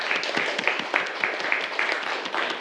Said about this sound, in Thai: ปรบมือให้กับเพื่อนด้วยครับนักเรียน